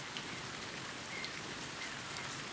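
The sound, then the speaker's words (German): Steady rain falling on a former airport site where lapwings nest, a dense, even hiss of drops pattering across the surface without pause, moderately loud, with no voices. “Für die Kiebitze auf dem ehemaligen Flughafengelände bedeutet Regen Alarmstufe Rot.”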